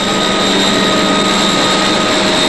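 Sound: heron aircraft engines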